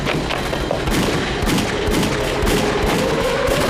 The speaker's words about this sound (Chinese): 枪炮声越来越近了，万一小鬼子要来了，我得保护小姐。